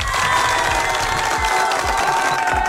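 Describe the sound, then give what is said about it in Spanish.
A crowd applauds and cheers steadily on Radio Disney for a birthday celebrant, with dense clapping and high shouts of excitement blending into a loud, continuous roar throughout. “Ya nos ha mandado mensaje y es un fuerte aplauso, por favor, para el cumpleañero del día de hoy,”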